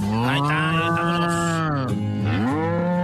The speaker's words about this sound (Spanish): O sea, ¿quieres vacas y todo? Que se oigan las vacas y todo ahí atrás. Ok, vamos a ponerle efecto de vacas, corral.